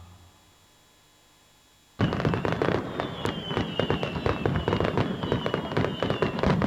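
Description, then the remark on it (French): Fireworks going off: after about two seconds of near silence, a dense, loud barrage of sharp pops and crackling bursts erupts and keeps going, with thin whistling streaks running through it. “Dans le cadre de leur fête à Sauvé-Singe, les 15 et 16 août, alors un feu d'artifice était prévu, mais bon, un arrêté préfectoral interdit les feux d'artifice.”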